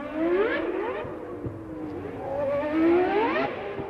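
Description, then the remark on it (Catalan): A racing car engine revs up and down twice, its pitch climbing and falling in smooth sweeps over a steady rumble, fairly loud, with no voices. “Ens posam en situació i entram dins un cotxe, encara que també ens valdria un simulador.”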